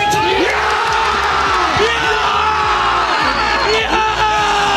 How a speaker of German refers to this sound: Großer Jubel, bis der Videoassistent sich einschaltet, denn Waldemar Anton soll beim Tor von Deutschland den Torwart gefoult haben.